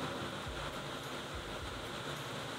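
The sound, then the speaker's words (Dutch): Heavy rain pours down in Brussels in a dense, steady hiss that fills the whole clip without letting up. No voices or other sounds break through the constant wash of water. “Maar dat is dus de regen die hier nu ook in Brussel met bakken uit de lucht valt.”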